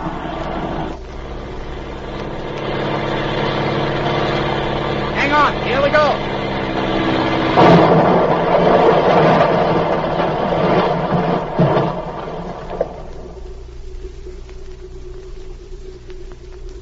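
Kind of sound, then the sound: vehicle, airplane engine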